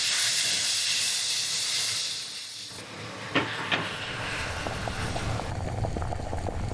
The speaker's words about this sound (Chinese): 开锅过程中听到一种声音，咕哧咕哧咕哧咕哧，所以这道菜饭的名字就叫咕哧，就等它一开锅就把它全部倒进锅里了，跟正常的焖米饭一样。